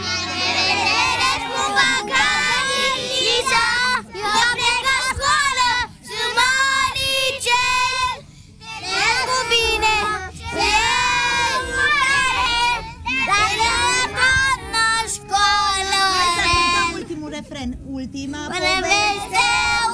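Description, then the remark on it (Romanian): A group of young kindergarten children sings a farewell song together in unison, their high voices loud, carrying a steady melody with brief pauses between phrases for about twenty seconds. “Mai cântați-mă pe aia cu La revedere, grădiniță, vă rog frumos, mă rupe!”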